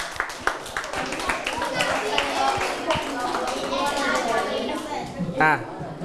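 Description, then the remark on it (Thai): A classroom of students claps for one group of classmates in a quick, uneven patter of sharp slaps that thins out over several seconds, with children's chatter and voices running underneath. “ปรบมือให้กลุ่มนี้หนึ่งหน่อย”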